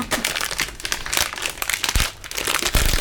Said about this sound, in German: Knister, knister, knaster, das ist meine Unterhose, die da knistert.